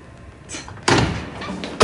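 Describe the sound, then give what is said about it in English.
A heavy, rattling bang as a person is slammed against a bathroom stall door, followed shortly by a second sharp slam, both loud with no voices. “He pushes Boz and slams Hunter against the stalls.”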